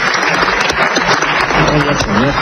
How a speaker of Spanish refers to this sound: Empiezan a aplaudirle, suelta lo siguiente.